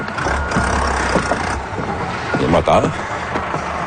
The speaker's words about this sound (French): C'est-à-dire que les moteurs...